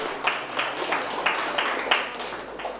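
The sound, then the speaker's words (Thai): A group of classmates claps together in a steady, even rhythm, a dense wash of hand claps with regular accented beats about three per second, moderately loud and with no one speaking. “ปรบมือให้เพื่อนๆครับ”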